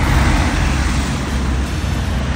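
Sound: road traffic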